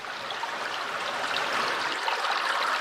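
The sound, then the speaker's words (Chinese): The unpolluted upper reaches of a creek flow steadily with a continuous, bright rushing and babbling of water, even in loudness throughout, with no voices or other sounds. “看到小马达离开城区，抵达没有受到污染的小溪上游，我们终于安心了。”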